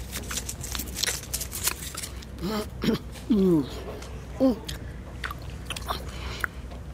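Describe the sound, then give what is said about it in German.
Wet chewing and sucking of a long-lasting chewing gum, with steady mouth clicks and smacks throughout and a few short hummed voice sounds partway through. “Lutschen, bis das wieder weg ist. Und dann einfach nur kauen.”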